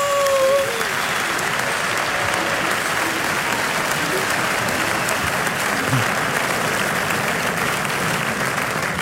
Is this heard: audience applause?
yes